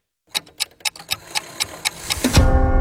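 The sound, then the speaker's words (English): A clock ticks in a quick, even rhythm, about ten crisp ticks, before a rising, ringing swell of sound builds up and takes over near the end. “The clock strikes dinner, and suddenly it's all you can think about.”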